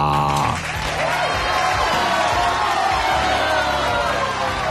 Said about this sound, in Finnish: Ja sitten annetaan tässä myöskin pienet aplodit.